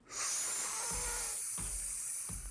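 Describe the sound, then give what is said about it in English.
A loud, steady hiss from an aerosol spray paint can runs nearly the whole time, with a few soft low thumps underneath. No one speaks. “you should hit this spray paint bottle.”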